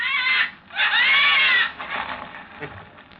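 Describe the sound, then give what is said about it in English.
Birds caw loudly and harshly: a short rasping call, then a longer drawn-out one, followed by a few fainter, scratchier caws trailing off. “Gently, Mr. Harbison, or you'll set the birds to cawing.”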